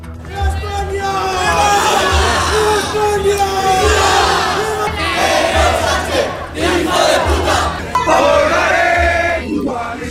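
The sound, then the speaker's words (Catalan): A large crowd chants and shouts in unison, loud and continuous, with many voices holding drawn-out sung tones that rise and fall over a steady low rumble of noise: groups returning from the 12 October celebration in Spain, at the Puerta del Sol, singing fascist-style chants such as Cara al Sol and shouting insults at people camped there. “Amb càntics de tall feixista, com eixa cara al sol, amb banderes d'Espanya, algunes d'elles preconstitucionals”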